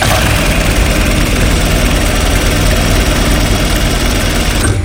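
A sewing machine and steam iron run together in a dressmaking studio: a steady, unbroken motor whir with a low rumbling vibration and a broad hiss over it, holding an even loudness throughout with no voices.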